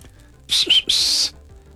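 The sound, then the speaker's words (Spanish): A quick two-part human whistle, a brief rising chirp then a longer held note, loud with nothing else around it, like a playful catcall, given as a whistled greeting to bosses. “A todos esos patrones les mandamos un saludo de chiflidito, de parte de toda la porra trabajadora.”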